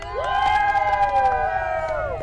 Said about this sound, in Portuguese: E a torcida aqui atrás tá muito grande. A galera vai gritar agora, vocês vão ouvir como é que tá a torcida dos brasileiros. E aí, galera?